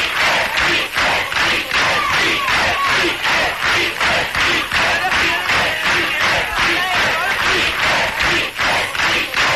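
A large, loud crowd chants "Beatles" over and over in a steady, driving rhythm, with shouts and some clapping mixed into the continuous roar.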